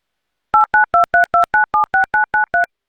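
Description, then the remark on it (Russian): A rapid, even run of about eleven short touch-tone beeps as a phone number is dialed to call someone back, each a clear two-note electronic chirp, with no voices present. “Такое ощущение, что я сейчас действительно до Красноярска дозваниваюсь как-то.”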